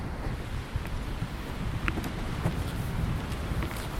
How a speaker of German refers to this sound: Ja, heute ist es ein bisschen windig und der Treppenanstieg hat mich auch ein bisschen Puste gekostet.